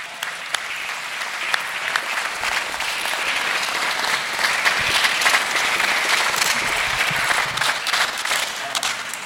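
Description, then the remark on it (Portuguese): An audience applauds for Jesus steadily for several seconds, a dense wash of many hands clapping at once with sharp individual claps standing out, fairly loud and unbroken, with no talking over it. “Eu amo, graças a Deus por estes parágrafos, e palmas para Jesus.”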